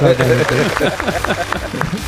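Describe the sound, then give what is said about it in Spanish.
Steady, rhythmic hand claps, roughly four per second, applauding an honorary Oscar for a film score, sound through lively overlapping talk and laughter, with the voices louder than the clapping. “Bueno, aplaudimos, ¿no, chicos? Aplaudimos.”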